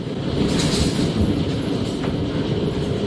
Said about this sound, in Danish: Ja, her er det store mængder havl, der falder i Karbæks Minde, mens tordenvejret passerede der.